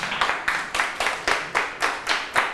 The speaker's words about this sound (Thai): โอเคเยี่ยมมากครับปรบมือให้เพื่อนนะครับ